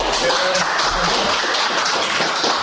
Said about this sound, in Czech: On i coach si tak po příchodu na tiskovou konferenci užívali potlesk od přítomných novinářů.